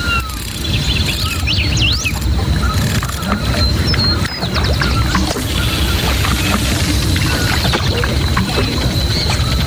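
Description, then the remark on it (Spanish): A river flows with a steady, full rush of water close by, while birds chirp and whistle faintly in the background throughout. “Está el río.”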